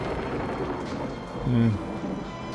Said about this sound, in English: I don't know what it's like where you are, but it's raining here in the studio.